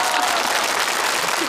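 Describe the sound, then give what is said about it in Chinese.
A steady wash of audience applause, dense and even throughout, many hands clapping at once with no single claps standing out and no clear talking above it. “掌声，掌声，谢谢。”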